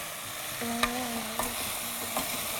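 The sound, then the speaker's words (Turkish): Vegetables with a little lemon, for a soup to be blended, sizzle steadily in a pan with a bright, constant hiss, while a few sharp utensil clicks and scrapes mark the stirring. No one speaks. “Tüm sebzelerin üzerine geçecek kadar da tavuk suyu ekleyelim.”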